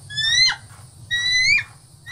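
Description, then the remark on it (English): A person imitates a bald eagle's call in two bursts: high, thin rising whistles that end in a sharp chirp, with a brief third call starting at the end, all clear over a low hum. “This is what a bald eagle actually sounds like, apparently.”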